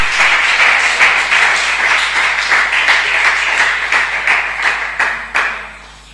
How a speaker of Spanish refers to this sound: ¡Ay, dale ese aplauso al Señor, hermano! ¡Que está respirando de gratis!